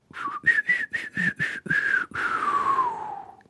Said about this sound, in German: Wenn wir die ganze Zeit so weiter pfeifen, kriegen wir heute keine Frage und keine Antwort raus. So lange habe ich doch gar nicht gepfiffen, nein. Aber es klang traurig.